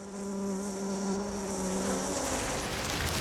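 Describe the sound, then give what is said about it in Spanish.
Male bees visiting Ophrys orchid flowers buzz in a steady, droning hum for about two seconds, then the tone breaks into a rougher, hissy buzz. No voices are heard. “Como están cubiertas de polen de otras ofris visitadas poco antes, las abejas macho sí que fecundan, pero a una flor, no a un insecto.”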